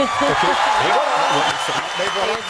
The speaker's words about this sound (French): T'as-tu des applaudissements